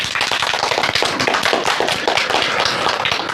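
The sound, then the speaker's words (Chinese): Audience applause from students welcoming the day's second ideological and political counsellor: a dense, steady roar of many hands clapping at once, loud and sustained throughout, with no voices heard over it. “同学们，让我们掌声有请今天的第2位思政辅导员”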